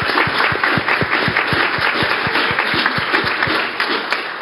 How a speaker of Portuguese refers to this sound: E eu também quero os aplausos aos meninos, aos 60 meninos que estão assistindo também aqui, porque eles merecem.